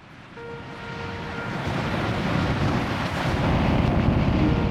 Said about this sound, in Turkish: Chilco kasırgası karaya vurmak üzere. Fırtınanın gözü hala birkaç kilometre uzakta ama gördüğünüz gibi dev dalgalar yaratıyor ve rüzgarlar son derece güçlü.